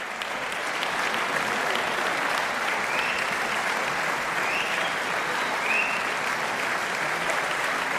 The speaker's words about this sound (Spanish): Y seguían sonando esos aplausos que en realidad no eran otra cosa que el preludio de un pequeño regalo de los músicos al público.